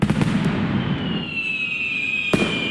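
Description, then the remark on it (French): Fireworks bursting in the sky over Washington in a rapid cluster of sharp pops, then a long high whistle gliding slightly downward, and another sharp crack near the end, all over a dense rumbling background; part of a record display of 850,000 fireworks fired in 40 minutes. “850 000 pétards tirés en 40 minutes dans le ciel de Washington”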